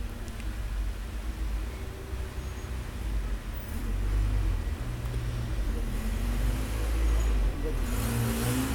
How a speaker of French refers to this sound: Une voiture verte, suivie d'un grand camion blanc, passe devant nous, près du boulevard Saint-Germain. Camionnette dépannage express couverture plomberie, taxi venant de la rue du Four, une moto avec deux personnes dessus.